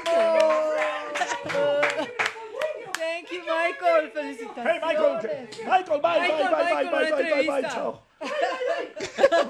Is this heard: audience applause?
yes